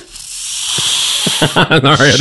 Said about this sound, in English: That's the worst snake sound effect. The reason I'm playing the snake sound is because we have a snake story coming up